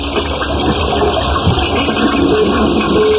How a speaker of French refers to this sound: Enfin, je tire la chasse, je ne comprends pas.